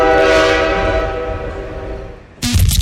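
A loud, sustained train horn blares and slowly fades over a couple of seconds, then a sudden burst of bright, noisy sound cuts in.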